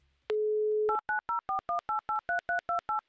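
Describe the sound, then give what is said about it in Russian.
A steady telephone dial tone sounds for about half a second, then a quick, even run of about eleven dual-pitch keypad beeps as a radio host dials a listener's number for a call to Ulyanovsk, clear. “Номер телефона мы набрали. Остается нам дождаться соединения, после которого мы уже отправимся в Ульяновск”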